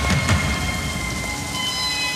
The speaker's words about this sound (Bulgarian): Разбира се, че вали.